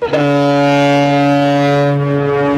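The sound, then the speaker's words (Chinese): A cargo ship loaded with newly harvested wheat blows its horn as it departs on the Yangtze River: one long, loud, steady blast, a deep harmonic tone holding for a couple of seconds with faint wind in the background. “长江滔滔奔流不息，一艘艘满载新麦的货轮鸣笛起航，沿着长江干流和支流驶向天南海北。”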